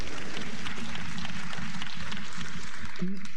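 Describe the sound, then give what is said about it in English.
An audience claps steadily for a few seconds, a dense, even patter of many hands that holds its level throughout, with a brief low voice murmuring near the end. “Go ahead and clap, this is very good.”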